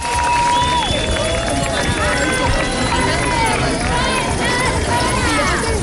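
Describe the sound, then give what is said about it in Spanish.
Thousands of protesters at a Sunday demonstration for housing rights and tenant protection jingle keys together, a dense, continuous bright metallic shimmer that stays loud and steady throughout, with a murmur of many voices and occasional calls mixed underneath. “Escucha usted, ¿verdad?, de fondo el tintineo de las llaves.”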